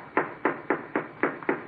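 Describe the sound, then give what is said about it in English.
Six steady knocks on the door of the Giant's house in even succession, each a sharp rap with a short hollow decay, moderately loud, with no voices. “I'm gonna knock on the door.”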